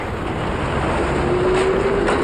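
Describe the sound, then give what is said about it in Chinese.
A tram rumbles steadily along the rails in Tianjin, a loud, continuous low roar with a faint rising whine from its motor partway through. No one speaks. “一开始，人们害怕电车行驶时轰隆隆的声音，然而，短短几年之后，电车铃的当当声就成了天津最时髦的城市背景音。”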